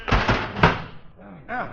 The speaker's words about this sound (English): All right, we'll rush it in and close the oven door fast so it don't jump out again.